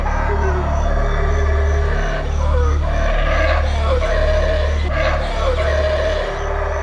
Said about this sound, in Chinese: 鬃毛吼猴因震耳欲聋的叫声而闻名，它可以通过吼叫恐吓其他敌对族群，也可以在遇到危险时发出警报。